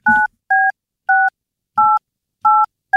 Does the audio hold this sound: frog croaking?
no